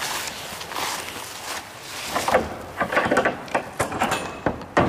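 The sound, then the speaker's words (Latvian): The large doors of a manor barn used for events are opened with a long, grinding scrape, followed by a series of uneven knocks and clunks; nobody speaks. “Perās lielās durvis.”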